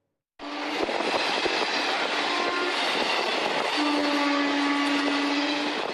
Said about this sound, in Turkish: Fabrika işçilerini taşıyan minibüse tren böyle çarptı. 7 kişinin ölümüne şoför neden olsa da hemzemin geçidinin de hatalı olduğu ortaya çıktı.